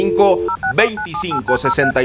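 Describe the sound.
A quick run of short telephone keypad beeps, about eight dual-tone presses in brisk succession, dialing a radio station's WhatsApp number while a person talks over them.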